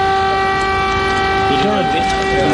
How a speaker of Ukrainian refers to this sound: У цей момент у столиці пролунала повітряна тривога.